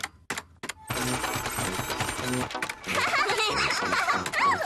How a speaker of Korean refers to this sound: 이제 프린터로 뽑자.